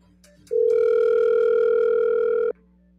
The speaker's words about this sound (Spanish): Bueno, está sonando el teléfono, pero suena y no contesta.